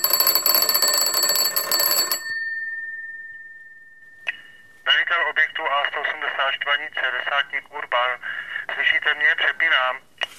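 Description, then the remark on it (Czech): An old field telephone in a light fortification bunker at Hynčice pod Sušinou, used for the link between two bunkers, rings loudly for about two seconds, leaving a fading tone; then a voice talks through a thin, tinny line, as if over the phone. “On právě teď odchází tedy do objektu prvního, já budu čekat na telefonu a ukážeme si, jak mohlo probíhat spojení mezi dvěma objekty.”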